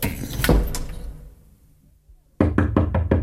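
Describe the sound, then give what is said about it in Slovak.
Knocking on a door: a few heavy thuds, a pause while the sound dies away, then a rapid run of five sharp knocks in steady rhythm. No one speaks. “Prosím vás, otvorte. To mi nemôžete urobiť.”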